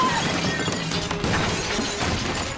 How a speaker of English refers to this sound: He's just crashed the window. I think he's in the house right now.